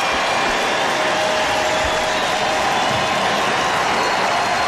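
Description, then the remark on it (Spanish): A large baseball stadium crowd rises and applauds and cheers as player Eliezer Alfonso walks out to bat, in a steady, dense roar of clapping and voices that holds at an even, loud level throughout, with no single voice standing out. “Y escuchen el público.”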